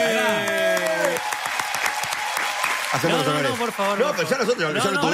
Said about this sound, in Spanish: Ahí está, mirá. Un fuerte aplauso.